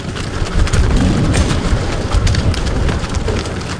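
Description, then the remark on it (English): Screwworm-free cattle jostle and clatter as they hurtle through a gate in the border wall at Douglas, Arizona: a steady rumble of hooves with sharp knocks and thumps against metal, loud, with no voices. “In the meantime, cattle jostle as they hurtle through the border wall, screwworm free.”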